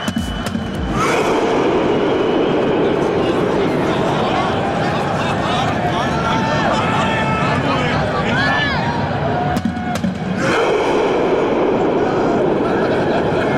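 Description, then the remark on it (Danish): A huge stadium crowd roars and chants together celebrating Norway's national team reaching the round of 16, a rowing chant started by the team itself, with a huge drum set up; a dense wall of voices that stays loud throughout, with brief dips around the start and near the end. “Det er også sådan en ting, de havde kørende deres tilskuere under kampen, og så da de så havde vundet det hele, så var det simpelthen det landsholdet selv, der satte gang i den her roningslyd.”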